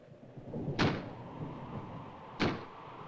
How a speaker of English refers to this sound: Just the wind banging a door. Pay no attention to it.